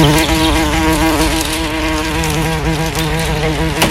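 A housefly buzzes loudly for the whole stretch, its droning hum wavering slightly in pitch as it hovers, with no voices or other sounds.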